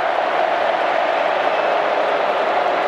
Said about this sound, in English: Gee, it'll be hard to stop the Dockers now. They're in front. And the crowd is going ballistic over there at Optus Stadium.